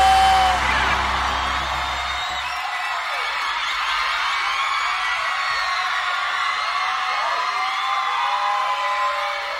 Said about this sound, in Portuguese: ele dá um grito!